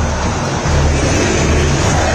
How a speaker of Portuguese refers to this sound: Iremos a 50, a torcida do Cruzeiro canta, você ouve ao fundo o som da Bandeirantes, mostra para você, ouça o Mineirão.